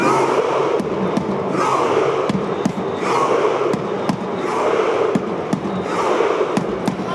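A large crowd of fans, rowing together in a jubilant collective cheer, roars in a steady, dense wall of noise, punctuated by sharp percussive bangs or thumps every half second or so.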